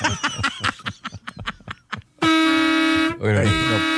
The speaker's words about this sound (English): it was loud, but I would rather hear that horn again